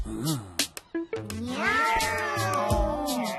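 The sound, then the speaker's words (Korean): A human voice mimics a cat, starting with a few short choppy yowls, then stretching into a long, wavering, drawn-out meow that stays loud throughout. “고양이는 저렇지 않아. 인간들한테 진짜 고양이는 어떤지 보여줘야겠어.”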